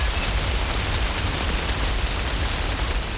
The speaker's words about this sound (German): Regen, Regen, Regen, auch in den letzten Tagen immer wieder.